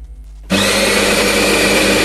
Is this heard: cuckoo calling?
no